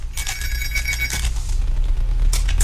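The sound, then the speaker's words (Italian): A telephone rings with an incoming call during a live broadcast: a bright electronic trill lasting about a second, a short pause, then the ring starting again, heard clearly over a low steady rumble. “Ecco, arriva una telefonata e la prendo.”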